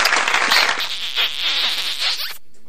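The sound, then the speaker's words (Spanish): A dense burst of clapping fills the moment, loud, a crowd-like roar of hands that ends abruptly after a couple of seconds. No one speaks. “Aplausos, besos.”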